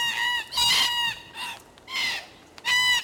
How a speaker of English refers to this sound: I love the sound of red-tailed black cockatoos screeching from the trees.